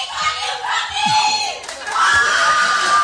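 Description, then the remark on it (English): A live crowd screams and cheers loudly and continuously, high-pitched shrieks and whoops overlapping in a dense wall of noise that swells again near the end. “When people come out and they come out loud.”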